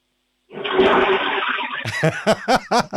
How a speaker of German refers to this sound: der Jan hat eine tolle Klospülung, die er uns jetzt allen hier in Österreich gezeigt hat